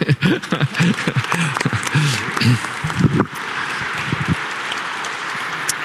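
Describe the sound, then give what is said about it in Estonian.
A voice speaks for a few seconds, then a church audience rises and breaks into sustained applause, a dense, even patter of many hands clapping that holds steady until the end. “Ja nüüd me tõuseme ja teeme ühe suure aplausi.”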